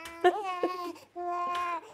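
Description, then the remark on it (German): A hungry four-month-old baby boy cries in two drawn-out, wavering wails separated by a brief pause, fairly loud and alone with no talking over it. “Oh, ich höre mein Baby.”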